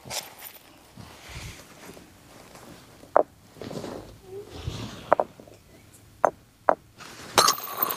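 Sharp stone-on-stone knapping strikes ring out one after another, four or five crisp clacks spaced a second or two apart, with a louder final crack as a flake breaks off, amid faint background murmur. The knapper strikes the stone from a new direction to detach a flake, working over cloth and pads laid out in a farm field.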